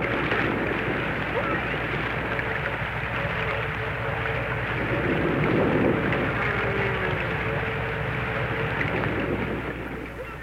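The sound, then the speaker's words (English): Unidentified sounds from the deep Pacific Ocean, heard 200 miles out and 2,000 fathoms down: a steady, dense low rumble with crackling hiss and faint wavering tonal hums, holding at an even loudness throughout with no voices. “And these are the unknown sounds one hears 200 miles out in the Pacific and 2,000 fathoms down in the depths of the sea.”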